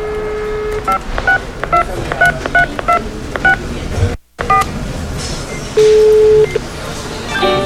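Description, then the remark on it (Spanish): A rapid series of short electronic keypad tones as the phone number of the Consulate General of Argentina in Mexico is dialed, each beep distinct and evenly paced, followed by a brief gap and a steady tone over faint background noise. “Vamos a ver, aquí está el teléfono.”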